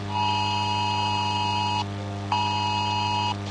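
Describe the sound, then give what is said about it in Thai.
A phone's emergency alert tone, warning of continuous heavy rain in the area and possible flash flooding, sounds twice, each a loud, harsh, steady buzzing blare lasting over a second, separated by a short gap, over a low constant hum. “ป้าครับโป้แจ้งเตือนแล้วก็บอกว่าฝนตกนักต่อเนื่องในพื้นที่ผักตายให้เตรียมพร้อมรับมือตกกระไพน้ำท่วมฉับพลันแต่น้ำป้าไหลหลาก”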